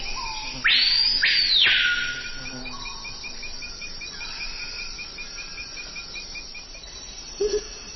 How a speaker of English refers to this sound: Let's head to the Amazon. So many birds. What are the sounds we're hearing? Now, that's the colorful cry of the surprisingly drab screaming peahawk.